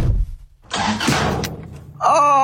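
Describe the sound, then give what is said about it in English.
A car engine cranks with a low rumble and a rough, hissing rush of noise, then a loud, steady tonal blare abruptly takes over at the end. No one speaks. “But first, let me give you a sneak peek of mine. Watch this.”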